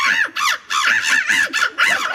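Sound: people imitating bird calls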